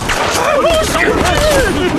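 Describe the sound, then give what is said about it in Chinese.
Several sharp gunshots crack irregularly through a tense scene, mixed with raised voices shouting over them. “听枪声，他们人少，正好杀了季奇”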